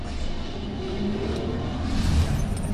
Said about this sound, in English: Now, well, this is stock standard, so if you put your microphone close to the engine, you'll hear nothing.